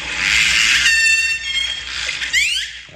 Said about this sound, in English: I've heard the sound of orcas and other whales before, mostly on TV documentaries, but these were different. All kinds of unusual noises were coming out of his phone. It was like these orcas were talking.